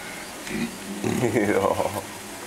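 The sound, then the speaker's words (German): A low humming grunt rises and wavers for about a second, preceded by a shorter grunt, the relaxed, contented sort of sound made while eating breakfast. “Ich fühlt sich wohl, wenn du so brummt, ne?”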